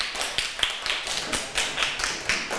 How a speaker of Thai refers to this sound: เห็นด้วยค่ะ ถ้าเห็นด้วยปรบมือให้เพื่อนหน่อยค่ะ